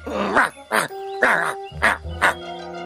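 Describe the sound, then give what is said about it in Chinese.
A person imitates a dog barking, giving about five short, loud, voiced woofs in a steady rhythm, with soft sustained music tones underneath. “你会学狗叫吗？”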